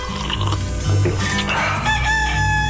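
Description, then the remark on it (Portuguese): A rooster at home crows in the morning, a long, strained cock-a-doodle-doo with bright harmonic tones, heard over a steady low droning hum and no voices. “Olha ele aí, o galinho cantando no nosso de casa, na nossa manhã Continental, para acordar você, para lembrar você que já tá quase na hora de levantar.”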